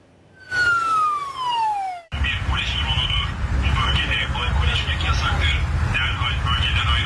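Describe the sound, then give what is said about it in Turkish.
A police drone's loudspeaker by the old city walls in Fatih, Istanbul, Turkey, blares a falling siren-like whoop, then a loud, distorted amplified voice warns people drinking alcohol in the open, over a constant, harsh buzzing propeller hum. “Polis dronla böyle sesli uyarı yaptı.”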